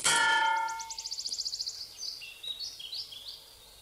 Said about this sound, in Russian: Озирается, пятится, натыкается на крюк крана.